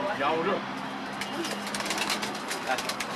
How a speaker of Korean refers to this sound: 비둘기 박물관에 온 듯 다양한 새들이 살고 있었는데요. 태어난 지 얼마 안 되어 보이는 새끼도 있습니다.